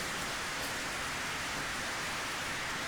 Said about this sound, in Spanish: Así de que un aplauso para todos ustedes, hermanos y hermanas, que han venido.